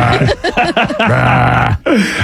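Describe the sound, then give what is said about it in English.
A long, loud, croaking belch drawn out for over a second, preceded by a few short guttural vocal bursts and followed by a brief rasp. “He's going to burp.”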